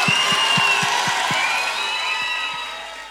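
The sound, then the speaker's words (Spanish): A crowd claps and cheers loudly, with shrill whistles rising above the steady roar and a few low thumps underneath, fading slightly toward the end. “un aplauso muy pero muy gracias.”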